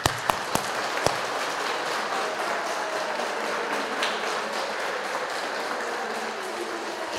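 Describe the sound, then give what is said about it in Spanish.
Steady, dense applause from a church audience at the end of a service, given for Christ the King. Many hands clap continuously for several seconds, with a few sharp louder claps near the start and no voices over it. “Vamos a darle un fuerte aplauso a Cristo Rey.”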